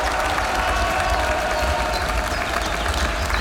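Members of the Svoboda party at a picnic in the shade clap and applaud themselves steadily for several seconds, a dense, even patter of many hands with faint cheering mixed in and no clear speech.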